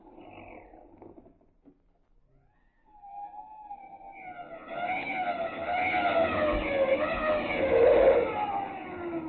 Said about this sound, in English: My word, sir. The police didn't lose much time. The car's pulling up in front of our house.